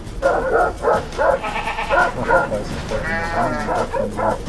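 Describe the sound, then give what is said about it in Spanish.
A woman shepherd's own flock of sheep or goats bleating loudly as it attacks her, with overlapping wavering cries repeating roughly every half second and blending into a steady, crowded chorus. “Terrible ataque a una mujer pastora por su propio rebaño.”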